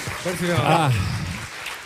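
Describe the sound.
Audience applause, a steady, dense wash of clapping lasting about two seconds, with a voice calling out over it partway through.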